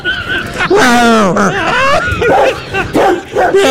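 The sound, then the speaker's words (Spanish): A dog barks and yelps loudly, several sharp cries with whiny, sliding pitch running together over a few seconds. “el perro sadico. Era que perro.”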